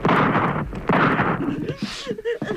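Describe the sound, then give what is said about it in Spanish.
Two loud bursts of gunfire, each with a rough, rumbling tail, followed by quieter scattered noises and what may be a raised voice. “¡Los disparos no los detienen!”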